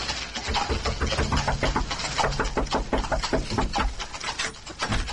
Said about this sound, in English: While Naples went for the constable, I hammered on the door to the inn.